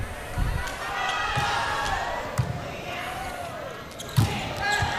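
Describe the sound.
Hard, booming impacts of a volleyball being spiked from position 2, with a sharp crack near the end, over steady arena crowd noise and a commentator talking.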